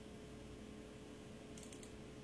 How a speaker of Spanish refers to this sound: Ah, bueno, le pongo acá, acá le tecleo.